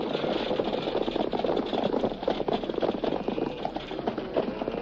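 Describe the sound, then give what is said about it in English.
A horse-drawn stagecoach rumbles in and pulls to a stop, hooves clip-clopping amid a steady clatter and rattle of wheels and harness, continuous and fairly loud with no voices. “There comes the stage.”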